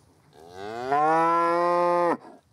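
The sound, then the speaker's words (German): A single long, loud cow moo, rising in pitch and then holding steady for over a second before cutting off sharply, with no talking; the cow is calling for her calf. “Und die wartet auf ihr Kalb. Das ist so, wo ist mein Kalb?”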